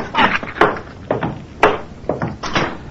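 A door is pushed shut, with two sharp wooden thumps standing out from a run of softer bumps and shuffling rattles over about three seconds. No one speaks.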